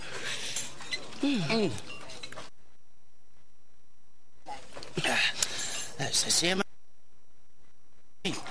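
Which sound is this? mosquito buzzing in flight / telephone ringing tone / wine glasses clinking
wine glasses clinking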